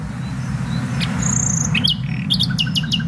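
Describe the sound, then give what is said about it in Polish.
Bright, varied birdsong of a nightingale sitting in bushes, with whistles and a rapid series of repeated sharp notes toward the end, heard against a steady low rumble of background noise. “To są bardzo skromne ptaki, które siedzą w tych krzakach, zajadają się komarami i śpiewają nie tylko w nocy, też w ciągu dnia, ale to w nocy najłatwiej je usłyszymy, bo nie ma zakłócaczy, więc one wówczas tak fantastycznie brzmią.”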